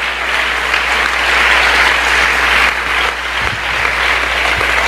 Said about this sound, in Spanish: Un aplauso para él esta mañana.